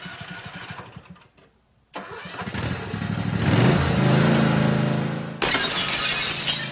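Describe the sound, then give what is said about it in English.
A small lawnmower engine sputters, then revs up into a loud, steady mechanical roar, and suddenly a car's side window glass shatters with a bright, crashing burst at the end. “Open Monday through Friday from 8 to 5, Richie's can fix your broken automotive side glass from those pesky lawnmowers, even rock chips.”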